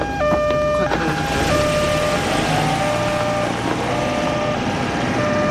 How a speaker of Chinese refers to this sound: 这是救护车，当然是救命了。